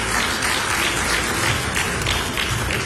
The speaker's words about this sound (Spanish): Muy bien, un aplauso para todos ellos.